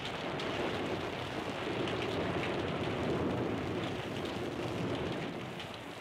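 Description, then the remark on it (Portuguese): An archived radio-drama sound effect of steady, dense rainfall pouring down continuously with a low rumble of thunder rolling underneath, used for suspense serials, forming a full, enveloping storm ambience with no voices. “Ou uma chuva com trovões, que ilustrava as séries de suspense.”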